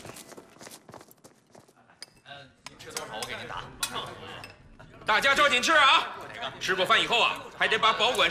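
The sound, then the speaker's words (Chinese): Cutlery and dishes clink sharply and irregularly in a busy canteen, with a murmur of voices that swells into loud, overlapping chatter over the last few seconds. “啊，正好到饭点了，食堂吃口饭，走。”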